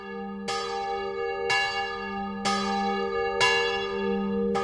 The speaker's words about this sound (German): Die letzte Alarmglocke der Schweiz gibt es immer noch, und zwar auf dem Munot Schaffhausen. Geläutet wird sie noch heute jeden Abend am 9 Uhr.